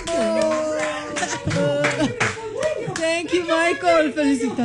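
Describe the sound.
A crowd claps steadily throughout, a dense rattle of many hands, while voices call out and cheer loudly over it, close and energetic.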